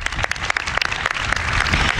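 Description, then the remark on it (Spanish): An audience applauds steadily at a festival celebrating the 50th anniversary of El País, many hands clapping in a dense, even wash of sharp claps that holds at a fairly loud level for the whole two seconds. “Un aplauso, por favor.”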